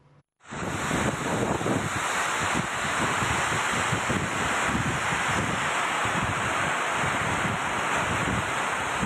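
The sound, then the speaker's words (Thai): Loud, continuous roar of storm wind buffeting the microphone with steady heavy rain, gusty low rumbling throughout after a brief quiet start, no voices; a night storm in Bang Sai Yai subdistrict, Mueang Mukdahan district, Mukdahan province, Thailand, blowing away large canvas tents set up for a football event. “อีสานก็มีฝนนะนะบางจุดก็มีเหตุการณ์เหมือนกันนะครับอย่างเช่นที่จังหวัดมุกดาหารเมื่อคืนนี้ฝนถล่มนะครับพัดเต็นท์ผ้าใบขนาดใหญ่เนี่ยปลิวว่อนเลยครับ”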